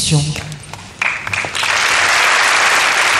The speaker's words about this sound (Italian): Termina con un applauso il momento di introduzione musicale che abbiamo potuto seguire. Vediamo anche i reali di Monaco applaudire e il Papa si unisce agli applausi.